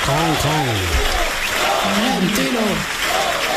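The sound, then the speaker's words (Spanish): A large crowd claps steadily while voices cheer and shout over it, greeting the arrival of club president Florentino, a loud, dense roar of applause that continues without a break. “Ríete tú de los 20 minutos de aplauso de los Javis en Carl.”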